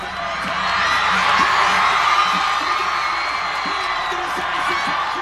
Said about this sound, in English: Fans in red and gold had all sorts of reasons to cheer on La Roja.